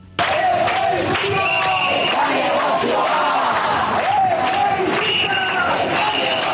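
A crowd of protesters trying to block the road during an eviction shouts the slogan "da negozioa" in unison, loud and sustained, with voices rising and falling in a rhythmic chant that carries through the whole stretch.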